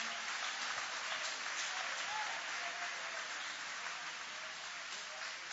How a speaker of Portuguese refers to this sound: Adore o nome do Senhor Jesus. Pode aplaudir ao Senhor.